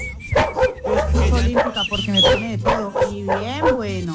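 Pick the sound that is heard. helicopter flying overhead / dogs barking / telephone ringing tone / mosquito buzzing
dogs barking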